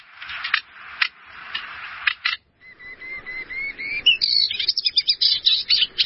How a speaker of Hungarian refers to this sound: Na szóval ő a fülemüle sitke.